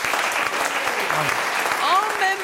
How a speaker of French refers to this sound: ça s'applaudit, je crois.